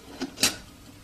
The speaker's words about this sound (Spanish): Él está haciendo un café. Extrae la cafetera de una tetera y lo sirve en una taza que ubica con su mano izquierda. Deja el café en la estufa. Y tapa la tetera.